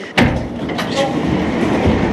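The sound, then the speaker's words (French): A sharp mechanical clunk, then a steady low rumbling hum as an elevator starts moving up to the top of an irrigation aqueduct, the motor noise filling the space, with faint murmurs in the background. “on va prendre l'ascenseur et on va aller au sommet de l'aqueduc.”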